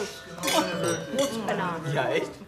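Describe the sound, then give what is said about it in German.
Wine glasses clink together in a toast, several light, bright taps mixed in with people talking. “So, ihr Prost, tollen Menschen, Prost, aufpassen.”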